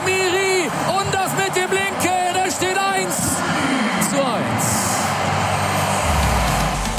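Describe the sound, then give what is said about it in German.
A short radio jingle signalling a live cut-in to football match coverage: bright, melodic notes in quick rhythmic bursts for about three seconds, then a loud wash of noisy, traffic-like sound effects with a low rumbling engine. “Ach, ja, das ist der Fußballgott. Und er sagt mir vorher Bescheid, wann wir live rausgehen müssen”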